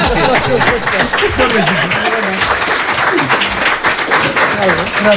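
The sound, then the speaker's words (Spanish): An audience applauds steadily for about five seconds, a dense, loud wash of many hands clapping, with voices and cheers audible underneath the clapping throughout. “Bueno, te vamos a dar de momento un aplauso y el deseo de que sigas bailando el jeep dance o como sea.”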